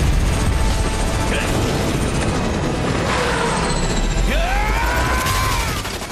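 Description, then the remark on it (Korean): Ethan's and Walker's helicopters collide and crash in a loud, continuous roaring din, with rumbling engine noise, metallic screeches and grinding sweeps rising through the chaos before it trails off slightly; Walker's helicopter loses its tail and both go down. “에단의 헬기와 워커의 헬기가 충돌한다.”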